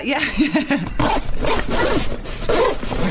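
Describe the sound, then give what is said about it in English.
The compartments of a gym bag being zipped in several short, quick bursts, one after another, fairly loud with a faint voice in the background. “I just thought it was a beer long zip and they were having to do it in bits.”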